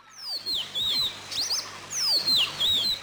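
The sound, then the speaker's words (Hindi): A small perched bird with a red neck and glossy black wings chirps in quick, high, sweeping whistles, two bursts of twittering calls separated by a brief pause, with a soft rustling background and no voices. “चिड़िया आन बैठी।”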